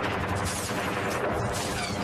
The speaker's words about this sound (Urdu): جہاں گھات لگا کر بیٹھے شترو نے اپنی ایل ایم جی بندوق سے بشن سنگھ پر نشانہ سادھا اور اس لائٹ مشین گن سے نکلی گولیاں صوبیدار بشن سنگھ کے سینے میں پیبست ہو گئی.